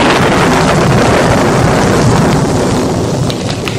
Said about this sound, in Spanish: En un hermoso caballo viajaba el joven Amílcar Robles rumbo a su casa de habitación cuando lo sorprendió una tormenta.